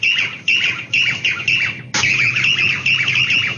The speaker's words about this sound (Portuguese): Que passarinho é esse, ó? De novo, de novo, de novo.